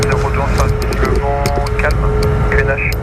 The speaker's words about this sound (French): L'avion est extrêmement silencieux, pas comme ce jet qui décolle devant nous.